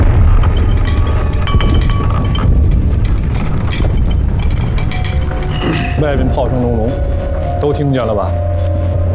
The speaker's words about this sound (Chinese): 外面炮声隆隆，都听见了吧？